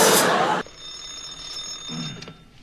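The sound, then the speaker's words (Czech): A telephone bell rings loudly and harshly for about half a second, then a thin high tone lingers quietly over faint room noise. “Ano, ano, u telefonu dispečer”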